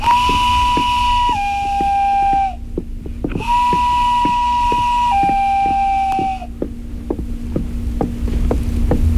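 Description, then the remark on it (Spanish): A passing swineherd plays his reed pipe: two long, steady calls, each holding one note then dropping slightly lower, separated by a short pause, over a constant low throbbing with regular soft ticks. “En eso estaban cuando pasó por ahí un porquero y tocó su silbato de cañas.”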